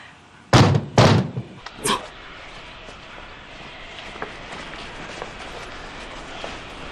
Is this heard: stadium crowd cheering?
no